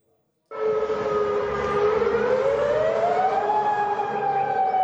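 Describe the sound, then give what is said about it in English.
An air raid warning siren in Jordan wails steadily after a brief silence, sounding nationwide as air defenses intercept Iranian missiles, its loud tone slowly rising in pitch over a low rumbling background, sustained without break to the end. “Within the past few hours, Jordan says its air defenses intercepted at least 8 Iranian missiles, with warning sirens sounding throughout the country.”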